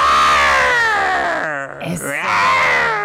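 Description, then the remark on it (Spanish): A person loudly imitates the roar of the Lioness Queen from El Rey León (The Lion King) at the Teatro Telcel, during its 500-performance celebration: a long strained, wailing vocal cry that briefly breaks and wavers midway before swelling again to full strength. “Te quiero dejar con el rugido de la Reina Leona.”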